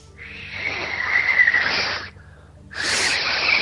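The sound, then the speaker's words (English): Two long, breathy rushes of air with no clear whistle tone, separated by a short pause, like someone blowing hard through fingers and failing to whistle. “Like, we just hear air is what it is.”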